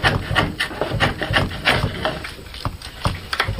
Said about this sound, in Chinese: 每一次落刀，每一次打磨，都是与木材对话，与寂静相处。